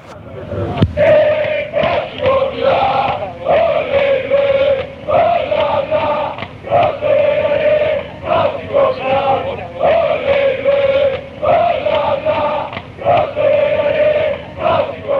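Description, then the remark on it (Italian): A large crowd of football fans chants a song in unison, loud and steady, with repeated short melodic phrases broken by brief pauses for breath and scattered shouts. The song was sung by English fans at the Milan–Manchester United match in 1969. “Questa qui la cantavano gli inglesi a Milan Manchester United nel 69, mi diceva, perché in effetti era una canzone cantata dai tifosi inglesi.”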